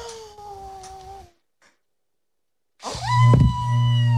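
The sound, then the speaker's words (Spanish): A child's voice imitates a wolf blowing hard at a brick house: a strained, wavering vocal sound, a short pause, then a louder, longer burst with a breathy gust. “¿Cómo de fuerte sopló el lobo?”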